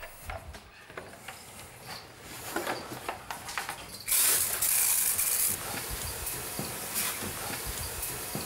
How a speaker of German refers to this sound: Das ist jetzt, damit die Luftfeuchtigkeit hier wieder hochkommt. Also wir sprühen die Tiere damit ein, deswegen ist das Wasser auch heiß. Durch die Verdunstungskälte ist das dann so lauwarm, was auf die Tiere raufkommt.